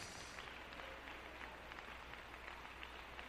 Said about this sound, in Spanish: Si gusta darle un aplauso al Señor, démoselo, aleluya. ¡Gloria a Dios!